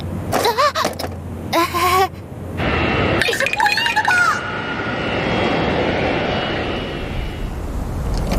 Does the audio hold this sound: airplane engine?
yes